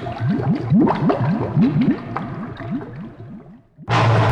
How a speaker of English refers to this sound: There's water coming in the boat. Nah. Yeah, man, yeah. Really? Look, I know water when I see water. That's water.